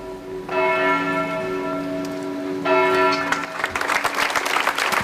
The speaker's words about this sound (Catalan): Amb aplaudiments, unes 200 persones congregades a les portes de l'Ajuntament han trencat el silenci d'una ciutat, Manresa, que avui durant un minut ha emmudit.